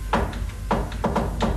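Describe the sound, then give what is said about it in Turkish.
Knocking on the wooden door of a house near a harbour: a single knock, a short pause, then four quicker raps in an uneven rhythm. Moderately loud, with no voices. “O sırada emirin güvenilir adamı Şerif gizlice saraydan çıkıyor, ara sokaklardan kimseye görünmeden liman yakınındaki bir eve varıp kapıyı tıklatıyordu.”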